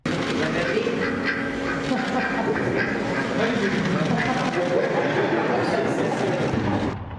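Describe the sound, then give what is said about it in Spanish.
A duck quacks and pecks the president's arm at the National Palace amid a steady wash of crowd chatter and commotion, its raspy calls mixed into continuous noisy background sound that stays loud throughout. “al famoso pato Merlín no le cayó bien la presidenta. Mire usted el momento en el que le lanza tremendo picotazo al brazo”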